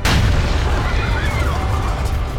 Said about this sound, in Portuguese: A 200 metros ouve-se um estrondo. É mais uma bomba. A quarta. Agora posta debaixo de um banco de jardim.